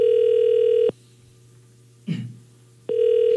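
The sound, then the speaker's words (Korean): A telephone ringback tone on a call from the radio station Far East Broadcasting to a listener: a steady electronic ring burst, a pause with a faint brief rustle, then the ring starting again. Loud, no voices. “자, 이제 신호가 갑니다.”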